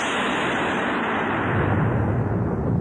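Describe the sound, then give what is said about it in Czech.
A loud, continuous roll of thunder over a forest: a broad rumbling roar that deepens and swells in its low tones partway through, with no voices. “A hromy bíjí po všem lese.”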